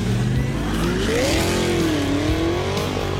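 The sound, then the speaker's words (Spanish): A car engine drones steadily and loudly, its pitch rising and dipping as the vehicle rolls past on the street, with no voices over it. “hay unos que pasan por ahí, por el lado de la cuenta de la noche”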